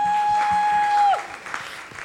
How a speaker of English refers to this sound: Please, let's clap for our patrons.